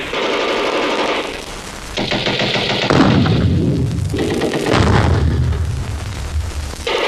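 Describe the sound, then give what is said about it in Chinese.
Loud, sustained battle noise of artillery firing on a small hilltop at the northwest corner: deep booming blasts and rumbling detonations mixed with crackling gunfire, continuing without pause for the whole stretch, with no voices. “快打电话通知炮兵向西北角小山头开炮，快。”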